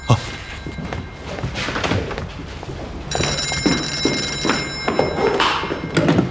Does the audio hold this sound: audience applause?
no